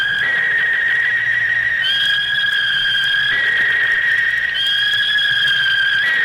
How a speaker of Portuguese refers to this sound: Primeiro apito. Opa. Primeiro apito do segundo tempo, Santa Cruz e Brusque 0-0